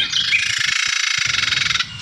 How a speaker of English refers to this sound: That is a Carolina Wren as well. Yeah, that is the same bird. Oh, man. That is, I think the bird is agitated when it makes that noise.